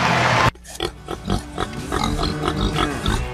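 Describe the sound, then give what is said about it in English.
Pigs grunt and snort on a pig farm in Middletown, Missouri, in a quick, uneven series of short bursts, following a loud burst of noise that cuts off abruptly at the start. “Every day, we raise pigs using resources wisely, protecting our water and caring for the land we call home.”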